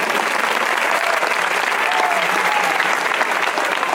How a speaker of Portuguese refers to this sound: Pode bater as palmas.